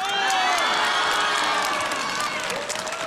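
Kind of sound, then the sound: crowd, audience cheering and applause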